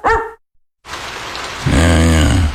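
Steady rain hisses without a break after a short bark and a moment of silence. Partway through, a loud, low droning tone rises over the downpour.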